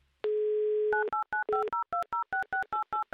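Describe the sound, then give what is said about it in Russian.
A steady dial tone sounds, then a phone number is keyed in as a quick series of about a dozen short, evenly spaced two-note DTMF beeps, clear with no talking. “Номер телефона мы набрали, теперь осталось дождаться соединения”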